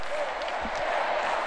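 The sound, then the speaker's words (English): A large crowd at the Stade de France in France applauds the Pope with enthusiasm in a steady, dense wash of clapping that holds an even loudness throughout, with faint murmuring voices mixed in and no single voice standing out. “Big round of applause, lots of enthusiasm.”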